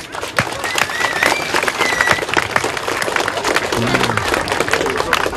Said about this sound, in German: Damit nochmal einen riesengroßen Applaus an euch alle.